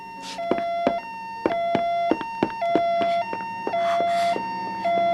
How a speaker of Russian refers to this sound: Полицейские машины почти на месте. Ты слышишь сирену? Нет. Да. Да, да, да. Теперь слышу.